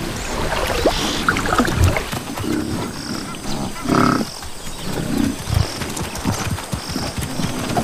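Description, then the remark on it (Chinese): A herd of African buffalo bathe, wade and splash in a river as the rainy season arrives, water churning steadily while several deep, drawn-out bellows and grunts rise from the herd. “一些非洲水牛在出发前下水洗澡，享受河水带来的清凉。”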